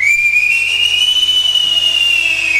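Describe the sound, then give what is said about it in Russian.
A single high, clear whistle from robbers imitating birdsong, held for nearly three seconds, rising slightly and then easing back down in pitch, fairly loud and steady, with no voices over it. “Да это совсем не птицы.”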